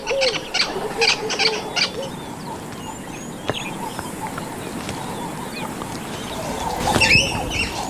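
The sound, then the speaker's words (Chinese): A squirrel's alarm call: a quick series of sharp, high chirps in the first two seconds, then sparse calls over a steady wash of ambient noise, with a louder chattering burst near the end. “他们被非同寻常的警报声惊醒了，是一只松鼠。”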